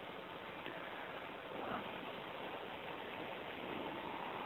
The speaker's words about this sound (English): It's raining.